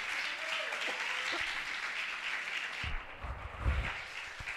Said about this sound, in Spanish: ¿Cuántos son felices por eso, hermano? Dale un aplauso al Señor, hombre.